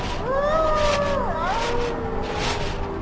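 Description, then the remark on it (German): Wolves howl as they come ever closer, in long, wavering tones that rise, hold and then slide downward, a few voices overlapping for about a second before fading, over a steady rushing background noise. “Ah, die Wölfe. Die Wölfe kommen auch immer näher.”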